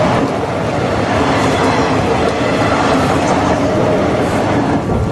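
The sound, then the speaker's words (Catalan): A train rumbles steadily and loudly in Ripoll on a grey, rainy Sunday afternoon in March, with a dense rolling roar of wheels on track that holds an even level from start to finish and no voices. “Sento el so dels rius, algun cotxe i de tant en tant el tren.”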